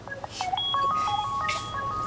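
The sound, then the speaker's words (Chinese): A telephone rings with a call from the hospital: a rapid string of short, bright electronic tones, each beep a clean steady pitch, steady in loudness with no voices. “医院电话”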